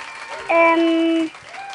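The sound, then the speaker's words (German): A short burst of clapping applause sound effect with a bright, sustained musical tone ringing over it for about a second, fairly loud, then fading back to a softer background. “Wow, da ist mir gleich noch einen Applaus wert.”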